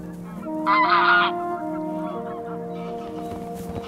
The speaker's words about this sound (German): Nordische Gänse haben die Nacht auf dem See verbracht. In den Morgenstunden fliegen sie zu ihren Weideflächen. Das schnatternde Federvieh ist verlockend.